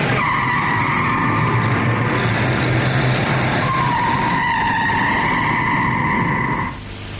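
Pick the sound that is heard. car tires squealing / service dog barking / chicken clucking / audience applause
car tires squealing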